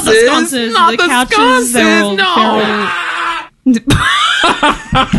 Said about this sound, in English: I was wondering when I was going to play that. Screaming man in pain in our SFX.